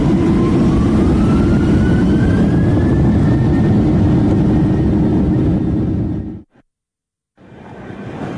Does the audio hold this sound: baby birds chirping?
no